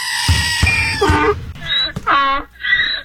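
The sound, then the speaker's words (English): A screaming goat sound effect, Gary the Screaming Goat, screams loudly in several harsh, wavering bleats in quick succession, alone, after a brief noisy scuffle at the start. “Now, Lynette, you get a big shout-out from Gary the Screaming Goat and Donkey Dan today.”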